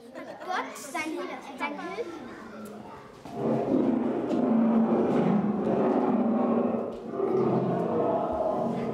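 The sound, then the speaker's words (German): A school class of children chatters briefly, then deep, rumbling lion roars from a lions' den installation in a children's exhibition take over, loud and sustained, with a short dip before the growling swells again. “Die Klasse ist jetzt bei Daniel in der Löwengrube angekommen.”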